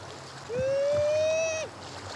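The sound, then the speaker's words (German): On a cold day at the beach, a man imitates a sea lion mother's call for a sea lion in his care: one sustained, slightly rising tonal howl lasting about a second, loud and steady, ending abruptly, over faint water sounds. “Er ahmt den Ruf der Seelöwenmutter nach.”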